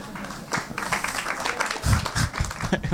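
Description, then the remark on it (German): An audience applauds steadily at the stage show Prepping for Future by two brothers, many hands clapping in a dense, crackling patter that swells slightly toward the end, heard at moderate volume. “Weniger Applaus, so wie viele so, Moment mal.”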